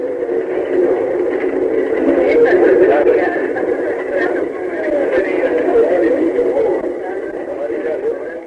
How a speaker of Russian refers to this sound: Мы входим вместе с пассажирами в крохотный вагончик, который повезет нас на вершину 390-метрового скалистого конуса, возвышающегося над заливом Гуанабара. Вы слышите, как ходит в вагончик пассажиры? Вот включены моторы, и мы мягко трогаемся с места.